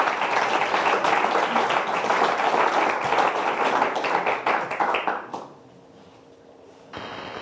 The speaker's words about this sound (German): und einen großen Applaus für Moose Musculus Volans.